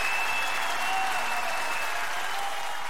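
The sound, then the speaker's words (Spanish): Steady, dense applause from a crowd on the radio station La Única 103.3 FM, a continuous wash of clapping at even loudness for a few seconds, with a faint high tone running through it. “Bueno, aplausos.”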